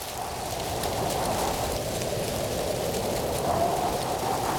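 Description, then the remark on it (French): Wind rushes steadily through the trees in the woods, a constant airy rustle with a soft low rumble beneath, holding an even level for the whole few seconds with no voices. “Tu entends le vent dans les arbres?”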